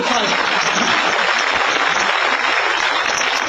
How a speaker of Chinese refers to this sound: 哎呦，真不容易，给鼓鼓掌吧。